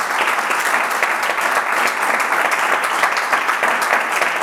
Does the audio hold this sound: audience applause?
yes